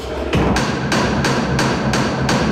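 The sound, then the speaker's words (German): A small water-powered forge hammer, the smallest and quietest of the hammers, switched on, pounds in a fast, steady rhythm, about three heavy metallic blows per second, over a constant rushing background of running water and machinery. “einen Kleinhammer kann man einschalten. Genau, und das Stichwort ist wirklich Kleinhammer, das ist der kleinste und auch leiseste, aber den kann man nach wie vor einschalten.”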